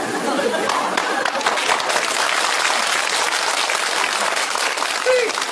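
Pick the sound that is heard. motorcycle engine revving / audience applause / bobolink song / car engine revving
audience applause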